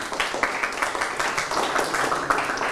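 A classroom of students clapping together for a group that earned four hearts in a vocabulary-guessing competition, a steady, dense patter of many overlapping hand claps that stays fairly even in loudness for about three seconds, with no voices on top.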